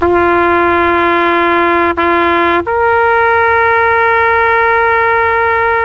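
A horn (corneta) blares in long, loud, steady notes: a lower tone for a couple of seconds with a brief break, then a sudden jump to a higher held pitch. No one speaks.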